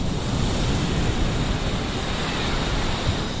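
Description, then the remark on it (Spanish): Rough surf crashes steadily onto Salobreña beach on the Costa Tropical, a dense, continuous roar of breaking waves with heavy low rumble and a wash of hiss, loud, with no voices. “Bueno, pues vamos a escuchar el sonido de las olas de este mar embravecido hoy, en la costa tropical.”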